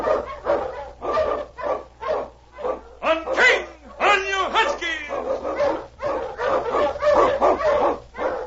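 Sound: sled dog barking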